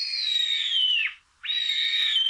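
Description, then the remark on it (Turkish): A sparrowhawk, recorded in Konya, gives two drawn-out, high, thin calls, the first trailing downward at its end, then a short pause before the second. Loud, with no other sounds. “Atmacayı Dursun Bal Konya'da.”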